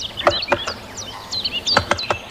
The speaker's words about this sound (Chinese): 听见哒哒的敲击声，我才发现大斑啄木鸟就在附近。